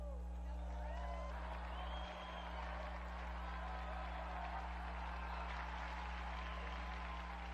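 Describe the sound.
An audience applauds steadily for several seconds in honour of the Transfiguration of the Lord, a dense wash of clapping mixed with scattered voices and cheers over a low electrical hum.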